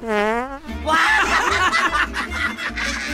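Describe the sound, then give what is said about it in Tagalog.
A short, buzzy fart sounds at the start, then gives way to loud snickering laughter and lively voices that carry on to the end. “Dungog na ikin lang akong utot!”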